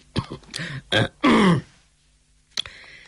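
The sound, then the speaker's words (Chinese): A sudden dry cough from someone sitting to the side, delivered as a quick series of harsh throat-clearing bursts that build into one longer rasping hack, then silence broken by a brief click. “这个时候坐在旁边的司空远忽然咳嗽了一声。”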